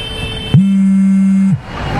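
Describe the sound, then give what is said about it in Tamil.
Busy bus station ambience: a steady rumble of vehicles and background noise, cut through by a single loud, flat horn blast lasting about a second before the din resumes. “இப்போ பஸ் ஸ்டாண்டில் தானே இருக்கேன், வெயிட் பண்ணு, அவனே வந்து பிக் பண்ண சொல்கிறேன்.”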